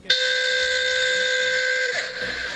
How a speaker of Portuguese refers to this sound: A buzina que eu coloquei no meu táxi novo.